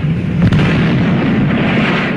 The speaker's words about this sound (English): That sounds a little bit like Bugs Bunny, some of those gunshots.